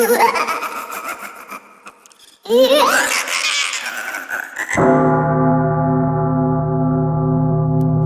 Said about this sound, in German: eine Glocke verbindet man im Abendland eher mit einem harmonischen Gefühl, wenn man die Glocken hört.